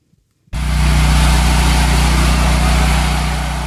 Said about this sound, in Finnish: Sähkögeneraattorin hurina. Tuttu ääni Kuuban pääkaupungissa Havannassa.